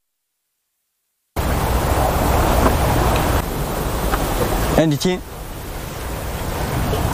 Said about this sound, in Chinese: 这边确实声音比刚才那边明显。 是是是，它就是这个浪拍打，一个是这个浪拍打的声音，还有这个浪感觉这个流到了这个一个洞穴里面，然后产生这个共响音。